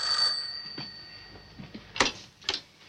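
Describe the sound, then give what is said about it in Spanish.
A telephone's ring trails off at the start, its bright tone fading quickly, followed by a few sharp clicks and knocks as a man gets up and picks up the handset, with no voices. “Antonio se levanta y coge el teléfono.”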